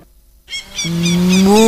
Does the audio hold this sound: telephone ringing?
no